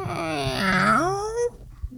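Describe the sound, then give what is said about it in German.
A microphone mount squeaks as it is turned: one drawn-out, whiny squeal that dips in pitch and then rises for about a second and a half before stopping. “Dazu muss ich nochmal das quietschende Mikrofon drehen.”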